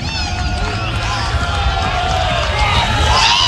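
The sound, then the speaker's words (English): A dense baseball stadium crowd, chilled to the bone after nearly three hours, cheers and roars steadily, with whistles and shouts rising above the broad, loud wash of noise throughout. “And the crowd that's hung around here for nearly 3 hours, chilled to the bone, making some noise.”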